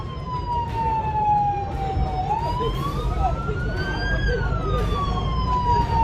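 A siren wails continuously, its tone sliding slowly down and then rising again in a long sweep, loud over a steady low rumble of traffic or engine noise.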